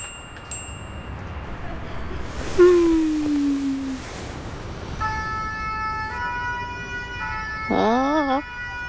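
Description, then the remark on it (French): A fire engine siren sounds in the street, first a falling tone, then a steady two-tone blare, and finally a rapid wavering wail, moderately loud over background noise. “La sirène des pompiers résonne dans la rue et dans la tête de Toudou.”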